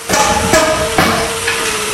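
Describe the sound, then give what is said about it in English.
Hammers strike repeatedly as volunteers build new homes at an outdoor building site in Daenerys Beach, northern Saskatchewan, after a wildfire. Sharp knocks land every half second or so over a steady background hum, loud, with no one speaking. “The sound of hammers is replacing the silence left behind last year's devastating wildfire in Daenerys Beach.”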